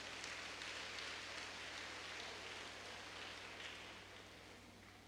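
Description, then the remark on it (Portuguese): A crowd at the seventh night of a parish festival applauds in thanks to the family ministry, the ECC team, the festival sponsors and the Candeal da Cajazeira community, in a dense, steady wash of clapping that holds for several seconds and tapers off slightly at the end, over a low constant hum. “A eles, nosso muito obrigado com a salva de palmas.”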